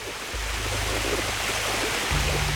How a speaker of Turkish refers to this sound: Oldukça yüksek bir şelale.